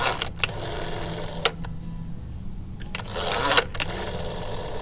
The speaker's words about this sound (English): Yeah, Yep, kids today would not know that's a rotary phone being dialed. Remember having to play radio contests and dialing on a rotary phone? Yeah, that'd take forever.